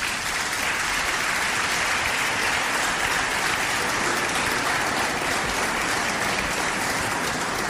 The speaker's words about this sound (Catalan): Dedicar-li també un fort aplaudiment.